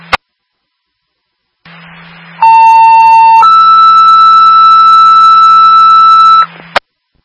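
Radio dispatch alert tones over a hissing, humming channel: a loud steady lower tone for about a second, then a longer higher tone, bracketed by transmitter clicks.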